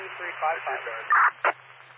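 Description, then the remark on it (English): A narrow-band radio voice comes through a dispatch channel, broken by two loud bursts of crackling static, one longer and one short, with a faint low hum underneath. “Confirming due to static, Henry Union Zebra 2355.”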